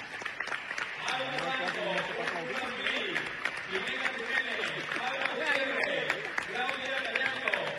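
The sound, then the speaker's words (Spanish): A large audience claps steadily to welcome the champion provincial under-12 girls' selection team onto the stage, a dense, continuous patter of hands with cheering voices and crowd noise mixed in, sustained at an even level for several seconds. “Vamos a recibir con un fuerte aplauso a la campeonísima selección provincial femenina sub-12 al escenario”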